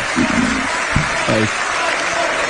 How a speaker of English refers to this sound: Stop applauding. I got something I want to say.